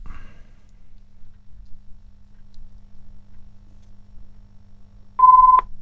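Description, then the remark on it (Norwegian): A short, loud electronic telephone tone sounds once near the end, a steady beep lasting about half a second after several seconds of near silence with a faint low hum. “Da ringer det, vet du.”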